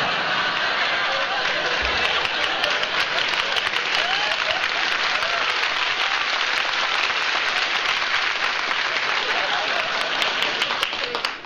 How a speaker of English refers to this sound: You got more applause than I do.